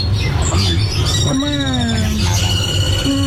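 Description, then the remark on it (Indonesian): Songbirds chirp and tweet at a songbird seller's stall, their thin, whistling calls overlapping in bright bursts over a dense, steady din and busy low rumble, as if many caged birds are singing. “Namun, riuh kicauan burung di lapaknya tak sebanding lurus dengan kondisi penjualannya saat ini.”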